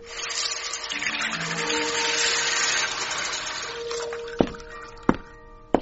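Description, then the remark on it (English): Water pours and splashes steadily onto wisteria plants for about four seconds, a rushing hiss, then it stops and three sharp clicks sound at spaced intervals. “Here, have a drink of water on me. Not too much now.”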